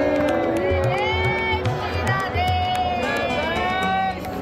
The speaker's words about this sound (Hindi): राधे राधे की गूंज।